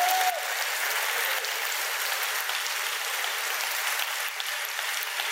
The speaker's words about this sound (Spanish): Si quieres aplaudir, apláudalo hasta que se te caliente las manos, así es.